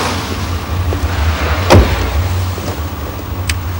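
Over a steady low car-engine rumble, faint shuffling and small knocks as a man gets into a car and settles into a seat, then a single solid car door thuds shut midway through.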